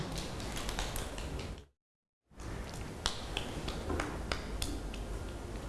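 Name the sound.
children clapping hands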